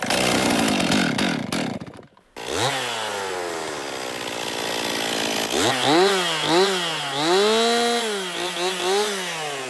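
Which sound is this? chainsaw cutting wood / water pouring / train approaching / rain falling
chainsaw cutting wood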